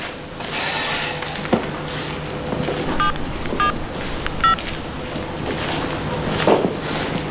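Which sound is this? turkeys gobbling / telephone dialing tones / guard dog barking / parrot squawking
telephone dialing tones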